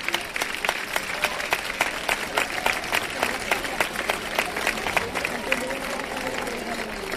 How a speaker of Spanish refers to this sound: Muchas gracias para ellas. Un aplauso.